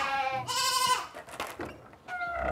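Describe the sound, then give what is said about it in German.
Several goats on a goat farm bleat in turn as they recognize their keeper, their wavering, nasal calls overlapping in a loud, rising and falling chorus with brief gaps between cries, and no one speaking. “Ja, oft ist es so, ich brauche nichts sagen, aber die Ziegen erkennen mich und dann fangen sie an zu meckern.”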